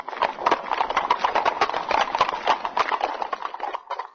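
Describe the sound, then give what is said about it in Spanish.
Horse hooves clip-clop in a fast, steady patter, a dense run of sharp hoof strikes that stays fairly loud for the whole stretch, with no voices. “Caballo de admiración.”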